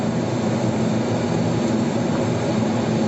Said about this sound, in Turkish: Hatay'ın İskenderun ilçesinde bir motosiklet sürücüsü kendi canını hiçe saydı, diğer sürücüleri de tehlikeye attı. Araçların arasından hızla geçen motosiklet sürücüsünün hız göstergesinin 177 km hıza ulaştığı anlar net bir şekilde görüldü.